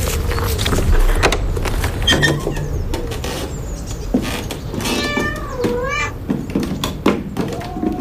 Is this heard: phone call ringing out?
no